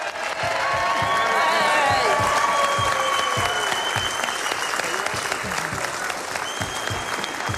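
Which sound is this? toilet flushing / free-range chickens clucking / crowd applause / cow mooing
crowd applause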